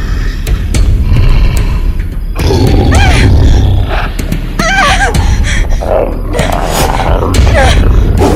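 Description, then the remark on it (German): A large shaggy wild beast roars and growls loudly, in several rough, rumbling bursts over a heavy low-pitched din with occasional thuds. “Dafür ließ ein Brüllen sie nun herumfahren.”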